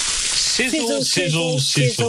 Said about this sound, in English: Sizzle, sizzle, sizzle. Pop, crackle, sizzle, sizzle. Our Fraser lines are much more than sausage sizzles.